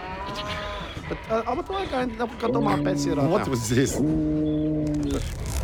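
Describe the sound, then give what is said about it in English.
A person imitates a moose call: two drawn-out, low, lowing moans follow some shorter throaty vocal warbles, loud, with no other sounds. “What was this? Oh, that's my moose.”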